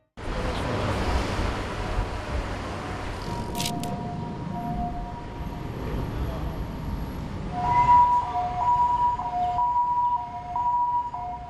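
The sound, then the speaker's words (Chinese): An ambulance siren in Taiwan wails over a steady rumble of street traffic, holding a long tone before switching to a rapid two-tone high-low alternation that grows louder toward the end. “台湾的救护车都是消防局的救护技术员，就出勤，然后把病人送到医院。”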